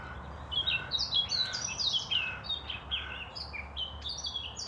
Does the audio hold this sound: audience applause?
no